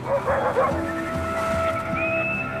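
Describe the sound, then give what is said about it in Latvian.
A pack of sled dogs pulling Inuit dog sleds howls together in long, wavering high-pitched tones, with scattered yips and barks at the start, steady and fairly loud throughout. “Piesardzīgi tuvojas suņu pajūgos garām braucošie inuīti.”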